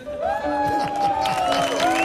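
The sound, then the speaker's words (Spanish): A TV show audience breaks into steady applause for guest Don Pocholo over two seconds, with cheering voices and a sustained whistle-like tone riding on top of the dense clapping. “Fuerte aplauso para Don Pocholo”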